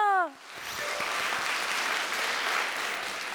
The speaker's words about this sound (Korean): 수고 많으셨습니다. 큰 박수 부탁드립니다.